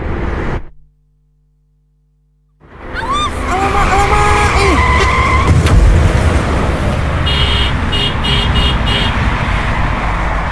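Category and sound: vehicle, car skidding and crashing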